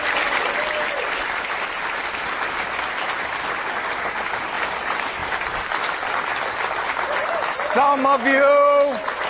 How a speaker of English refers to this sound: Some of you are not clapping very loudly. Can you read the applause sign? It says clap loudly.